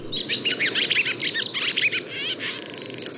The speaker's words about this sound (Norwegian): Heldigvis så skal vi få lov til å ha lovesvala i stund til. Og hun kvidrer og heller stemningen oppe sånn at vi kan føle meg hele sommeren.